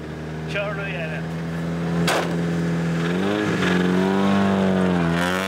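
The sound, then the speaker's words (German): An old car with a dented body drives another lap, its engine droning steadily with a buzzing, rattly tone, its pitch dipping and rising as it drives, broken by a couple of sharp clanks. “Sie sagt, er knattert. Aber das ist sicher nur die Antriebswelle.”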